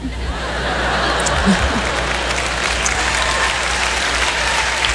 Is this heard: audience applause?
yes